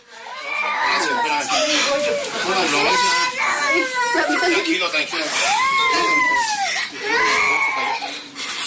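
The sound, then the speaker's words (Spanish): A child cries and wails continuously in loud, rising and falling sobs, with agitated voices and commotion mixed in throughout. “El niño llorando, la señora que no le deja de sangrar la boca, y de verdad que es una escena terrible.”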